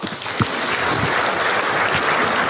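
A crowd at a live show claps steadily, a dense, even wash of applause lasting the whole moment, with a few sharper individual claps standing out and no one speaking.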